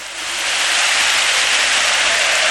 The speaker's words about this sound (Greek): Ο Όσμαν χάνει ακόμη μια βολή όμως. Το χειροκροτεί ο κόσμος και πολύ καλά κάνει.